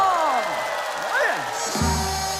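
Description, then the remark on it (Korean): An audience applauds and cheers steadily, with whooping voices sliding up and down over the clapping. Near the end a sustained low pitched tone joins the noise. “여러분들 박수 한번 주십시오.”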